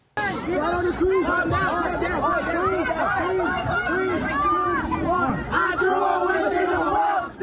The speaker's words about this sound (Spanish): Videos grabados por testigos muestran a jóvenes gritando, subiéndose a mesas y protagonizando peleas.